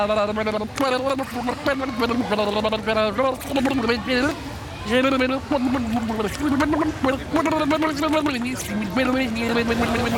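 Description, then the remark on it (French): A voice sings a slow tune while emptying air by blowing bubbles through the mouth underwater, the melody coming out warbled and gurgling, with steady bubbling that runs continuously for about ten seconds, fairly loud. “Et pour commencer, on va commencer à le vider en faisant des bulles par la bouche et en chantant.”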